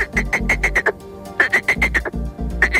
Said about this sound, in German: Stellen wir uns einen schönen Sommerabend an einem Teich vor. Da sind die Froschmännchen ganz schön laut am Quaken. Das kann sich sehr unterschiedlich anhören, zum Beispiel so.